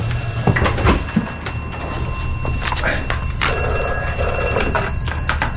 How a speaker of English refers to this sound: Ooh, what's that? That's... the vestry phone, strange.